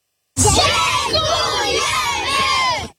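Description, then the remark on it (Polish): Children in the care of the Castorama Foundation shout together in unison, thanking the company's employees who volunteer to help them: a loud, sustained chorus of young voices with rising and falling pitch, like a crowd cheering a thank-you for about two and a half seconds. “Tak właśnie podopieczni Fundacji Castorama dziękują pracownikom, którzy jako wolontariusze pomagali i wciąż pomagają tysiącom dzieci.”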